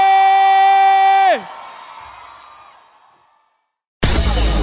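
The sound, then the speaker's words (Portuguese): A sustained, buzzy horn-like tone slides downward and fades into a reverberant tail and silence, then a loud burst of crowd cheering and clapping at an event in Cuiabá cuts in abruptly at the end. “palmas, faz barulho aí!”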